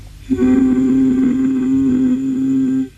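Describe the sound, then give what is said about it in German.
A person whose voice had suddenly gone, asked during a voice examination to hum as deep as possible, hums one deep, steady low note for about two and a half seconds, holding the pitch evenly at a moderate, constant volume before stopping. No one speaks. “Können Sie mal versuchen, ganz tief zu summen?”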